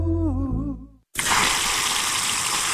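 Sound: running water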